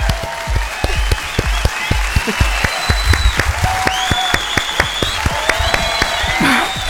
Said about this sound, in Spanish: ¡Aplauso para